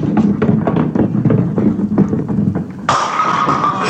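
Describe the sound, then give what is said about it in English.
A bowling ball rumbles down the lane with a steady low roll, then crashes loudly into the pins, knocking down all of them for a strike and sending up a sudden bright clatter that rings on to the end. “Hey, you knocked down all the pins, kiddo.”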